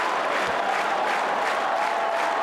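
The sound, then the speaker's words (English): A large Wimbledon tennis crowd applauding and cheering Arthur Ferry, a dense, continuous wash of clapping with scattered cheers that stays loud and even throughout, with no voices standing out. “And the reaction from the crowd, and how he's conducted the crowd.”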